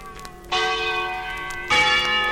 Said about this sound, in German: Sag mal, das soll Schillers Glocke sein? Haben wir nichts anderes auf Lager?